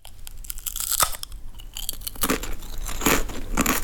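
Loud crunching of crisp chips being chewed, a steady run of sharp, brittle crackles that grows denser and louder toward the end, with no voices.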